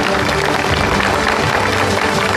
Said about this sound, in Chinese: 掌声有请出今天的3位嘉宾。